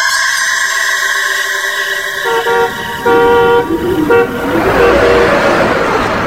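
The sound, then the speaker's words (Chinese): A canvas-covered truck drives along a street at night, its engine rumbling closer and louder, while several sustained horn toots sound in bursts over the traffic noise. No one speaks. “大街上，此时有一辆带篷布的卡车在夜色中行进着。”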